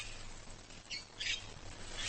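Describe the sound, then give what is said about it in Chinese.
A couple of short, harsh Cape parrot squawks ring out, fairly faint, over a steady low outdoor hum, with no one speaking. “好望角鹦鹉只需吃上2-3颗就饱了。”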